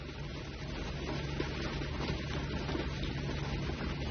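Heavy rain pours down in a dense, steady hiss that stays loud and constant throughout, with no voices or other distinct sounds standing out.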